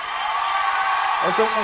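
Steady applause from a crowd fills the whole clip as a dense, even wash of clapping, with a brief high whoop or cheer rising out of it near the end.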